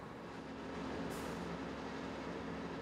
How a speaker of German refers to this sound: Jetzt muss der Häcksler mit seinen 1180 PS ran. Und es klappt. Der Wagen ist wieder frei.